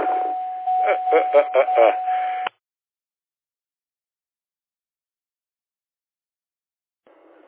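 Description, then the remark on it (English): A car's warning chime sounds as a steady electronic tone for about two seconds, mixed under a person talking in a thin, narrow-band voice, then it cuts off abruptly into silence. “I hear your bonging.”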